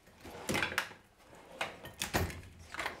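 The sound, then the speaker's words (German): A drawer of tools slides open, followed by a series of loud, uneven scrapes and clatters as metal tools are shuffled and rummaged through. No one speaks. “Und so geht es halt die ganze Schublade durch.”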